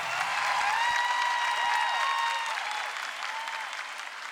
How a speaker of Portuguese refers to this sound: Uma salva de palmas